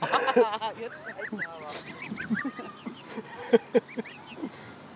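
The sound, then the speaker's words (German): Several geese honk repeatedly at close range, their nasal, harmonic calls overlapping in a busy, uneven stream with a few louder, sharp honks standing out near the end. “Das weiße Zwerghuhn scheint sich auch für eine Gans zu halten.”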